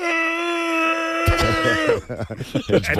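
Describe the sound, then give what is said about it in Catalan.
A person with a cold imitates a Tyrannosaurus rex roar: a loud, strained, high-pitched voiced screech held steadily for about two seconds, then breaking into rough, raspy growling bursts. “per acabar aquesta imitació del Tiranosaurus Rex ràpidament, és possible, això?”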